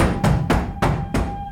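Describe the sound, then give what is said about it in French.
Four heavy, booming knocks on the courtyard door land at a steady, deliberate pace, each one loud and resonant, marking Alcibiades' arrival at the banquet in Plato's Symposium, with no voices present. “Soudain, on frappa à la porte de la cour avec grand fracas.”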